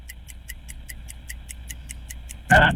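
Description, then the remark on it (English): A game show countdown clock ticks steadily and quickly, about five crisp ticks per second, during a word round naming things that begin with the letter L, until a loud, harsh buzzer blares at the very end to signal time is up. “The clock just ran out.”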